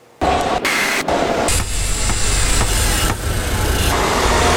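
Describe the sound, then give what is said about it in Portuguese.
Loud, continuous city street traffic roar in São Paulo with rumbling car engines filling the scene, starting abruptly and staying steady, with brief dips and surges as vehicles pass; no clear horn blasts stand out. “São Paulo tem mais de 11 milhões de habitantes, então a gente vive assim, no trânsito entre buzinas e motores, porque a quantidade de carros nas ruas é impressionante.”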